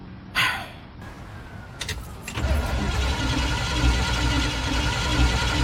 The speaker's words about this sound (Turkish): Kontak anahtarın olabilir. Evet. Bu marş motorun.